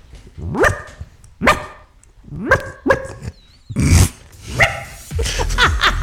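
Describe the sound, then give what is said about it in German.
A person on a radio show imitates a small yapping dog as an entry in a contest for e-bike support, letting out about seven sharp, high barks at an uneven pace, fairly loud, with no talking in between. “Oh Gott, dass das mal vorkommt, dass ich im Radio einen Hund nachmache.”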